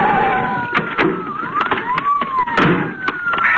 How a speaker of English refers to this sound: Signposts, clumps of pine trees, driveways to darkened estates whirled past Philip Adams as he raced through the night, and behind him the sirens grew louder and louder.